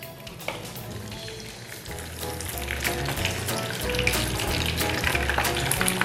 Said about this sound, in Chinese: 那如果我们这豆干是含水量比较低的，它就不太会喷。然后豆干在我们过油在炸的过程中，记得油要热才能下，对，不然豆干下去就粘锅了。